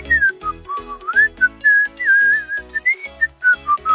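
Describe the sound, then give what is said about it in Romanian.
A person whistles a lively, bouncy tune in short melodic phrases, clear, with a rhythmic backing of music underneath and no talking. “Astăzi va trebui să fluieri, să vedem dacă reușești, nu?”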